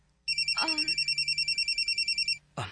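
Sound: phone ringtone ringing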